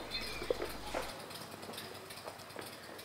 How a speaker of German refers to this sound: Das ist jetzt aber schon so richtig Dorf, ne? Da hört man die Kinder, überall die Vögel und da ist der Nachbar, der an seinem Motorrad schraubt.